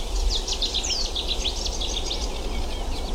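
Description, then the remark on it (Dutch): Several birds sing at once on a cold morning just after sunrise, in a busy, overlapping chorus of high chirps and trills, steady throughout over a low, constant rumble. “Maar de vogels trekken zich niks van aan.”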